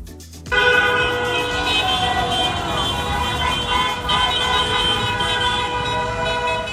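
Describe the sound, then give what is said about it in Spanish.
Several car horns blare together in a sustained, overlapping chorus of honking for hours on the coast of Spain, as dozens of cars drive the town's main streets with Spanish flags waving from windows celebrating La Roja; loud and continuous over a busy street din, with faint crowd noise beneath. “En la costa también los claxon de los vehículos no dejaron de sonar durante horas y horas y horas, mientras decenas de coches estaban recorriendo las principales calles de la ciudad con banderas de España, ondeando por las ventanillas.”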